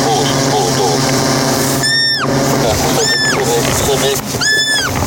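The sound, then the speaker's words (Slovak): A roe deer fawn hidden in tall meadow grass squeaks three times, high and thin, each call rising then dipping, spaced a second or so apart, over steady outdoor background noise and low voices of volunteers locating it with the help of a drone. “Prejdeme ešte pár metrov, dronista navedie, kam presne položiť podberák a už počujeme piskot srnčaťa.”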